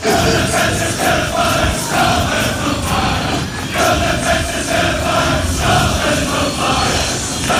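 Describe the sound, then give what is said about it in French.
A large crowd of Scottish football fans, the Tartan Army, about 5000 of them in the streets of Boston, sings a chant together. It is a loud, continuous wall of massed voices with a rhythmic, repeating melody and no pauses. “Écoutez juste, on connaît ce refrain.”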